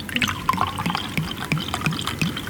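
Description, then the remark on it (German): This year's new sweet wine, golden in colour, being poured into a glass: a steady liquid gurgle with small splashy bubbling pulses and rising tones as the glass fills. No voices. “Und jetzt schenken wir ein das erste Glas neuen Süßen dieses Jahr.”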